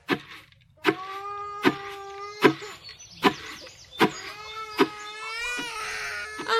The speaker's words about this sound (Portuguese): sinto-me tão sem força nesta gravidez e o meu bebê de 7 meses chora muito. Acho que o meu leite já não chega e a papa de farinha simples não enche.